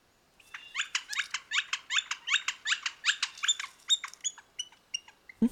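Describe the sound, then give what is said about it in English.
A woodpecker's song, quite similar to the call of the pileated woodpecker: a long, rapid, evenly paced series of about twenty loud, high, squeaky notes that become more ragged and fade toward the end, with no talking. “The song lasts 7 or 8 seconds and is quite similar to the call of the pileated woodpecker.”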